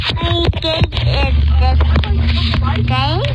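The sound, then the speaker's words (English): A steady, low rumble of a car being driven by a mother runs underneath, while a young child holding the phone babbles and chatters loudly in a high voice over the top throughout. “Like, you can hear mom driving the car.”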